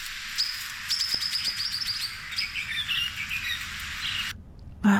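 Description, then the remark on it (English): A swift parrot calling: a quick run of high, thin chirps and tinkling notes repeating over steady background hiss, clear, then cutting off near the end. “I mean, this guy's been driving around since April with his ears ready to hear the swift parrot call.”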